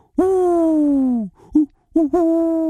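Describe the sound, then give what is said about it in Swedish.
A person imitates an owl with a long, sustained hoot followed by a short break and two or three shorter hoots, loud with no other sounds. “En uggla som säger O.”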